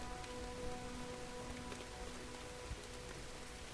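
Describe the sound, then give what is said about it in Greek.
Steady rain patters on a hard surface during a stage of a long-distance running race, a dense, continuous hiss of drops with a few louder splashes, even throughout, with no voices. “Και η βροχή κάπως άλλαζε τα δεδομένα.”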